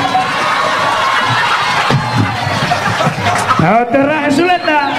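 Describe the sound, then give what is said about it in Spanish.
A crowd claps and cheers loudly and steadily for a singer for about five seconds, with excited shouts and whoops rising above the noise near the end. “Un aplauso y sigo cantando.”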